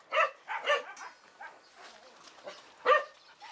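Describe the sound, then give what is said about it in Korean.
Dogs in kennels bark in a quick pair of sharp, mid-pitched yaps, then softer yips and whines follow before another loud bark near the end, reacting to a dog named Mary. “과연 다른 견사의 강아지들은 어떤 반응을 보일까요?”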